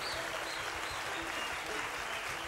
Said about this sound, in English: I want to say tonight, let's give the great … a round of applause. …, let's give her a round of applause to her.